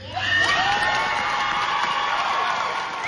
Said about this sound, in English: They earned every bit of that applause.